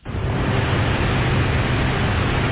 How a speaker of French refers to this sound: Ça, c'est un ventilateur. Ouais. Il y a quelque chose d'apaisant, non?